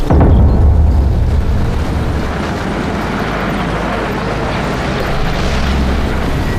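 A steady, loud engine rumble with a deep low hum and broad noisy texture from a single car driving slowly, continuing unchanged for several seconds with no voices.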